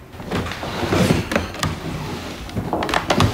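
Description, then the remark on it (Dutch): A heavy wooden drawer of an old architect's cabinet, packed full of hair in a wigmaker's workshop, slides open with a continuous scraping rumble and a few sharp knocks and clicks along the way, lasting a few seconds with no talking. “En ik mocht eens in zijn lade gaan snuffelen.”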